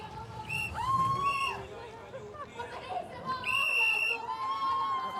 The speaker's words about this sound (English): Lots of shrieking and whistling going on here.